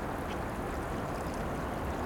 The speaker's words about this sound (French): Partout, au cœur de la nuit, le bruit des petits torrents, de la rivière.